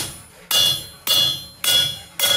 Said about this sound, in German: Jetzt musst du es noch ausrichten auf der Richtplatte. Ja. Das heißt, du legst es hier auf, haust einmal ordentlich mit dem Hämmerchen drauf.